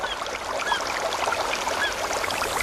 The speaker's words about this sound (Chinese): 森林，草原，大海。